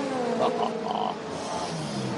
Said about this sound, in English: And listen to the V12 as it screams off a pit lane.